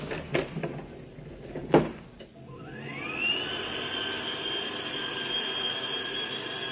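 Several heavy clunks and rattles, like a gate or door being shut, then a motor whine rises in pitch and settles into a steady, high mechanical hum as the elevator starts going up.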